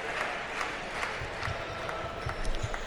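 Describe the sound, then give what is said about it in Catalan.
A large basketball arena crowd gives an ovation for Jabari Parker, applauding and cheering in a steady, dense roar that holds for a few seconds, with faint rhythmic pulses running through it and no talking over it. “I ara ovació per Jabari Parker, eh?”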